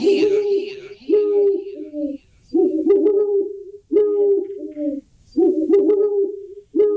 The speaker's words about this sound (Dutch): En welk dier heb je überhaupt gevonden? Een uil. Ja! Ja, ja, ja, ja, ja. Nou ja, hey. Met die extra uilengeluiden was het volgens mij niet zo moeilijk.